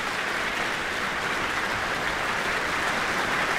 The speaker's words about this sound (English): Madeleine, hands to chest, accepting the applause from the audience here in the Michael Fowler Centre.